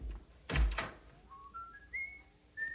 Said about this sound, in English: Nice to hear you whistling again. And I'm whistling because I love you.